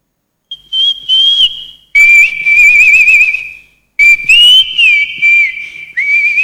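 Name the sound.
person whistling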